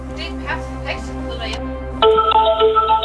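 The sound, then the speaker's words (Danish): Indistinct voices over a low hum give way to a steady electronic ringing tone of a phone line ringing on an outgoing call, clear and fairly loud in the final second. “Hold ja, nu ringer den.”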